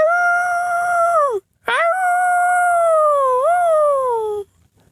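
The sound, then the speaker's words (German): A person howls like a wolf: two loud, drawn-out howls, the first short and falling, the second longer and wavering before trailing down, with a brief gap between. “Und wieder heult er wie ein Wolf.”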